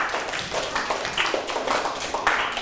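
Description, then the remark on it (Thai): A group of students clapping for themselves after a correct answer, in a dense, steady burst of applause that continues evenly for a few seconds, with no voices standing out. “ถูกต้องปรบมือให้ตนเอง”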